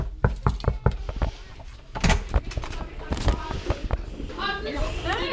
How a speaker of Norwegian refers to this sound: Nå står vi på utsida av klasse 3B her på Lærvik skole, og vi banker på.